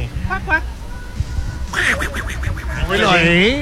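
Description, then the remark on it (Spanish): A voice imitates the cartoon character Donald Duck, producing raspy, nasal quacking babble in a few quick bursts, fairly loud, with background chatter underneath. “No se le entiende nada, el Pato Donald.”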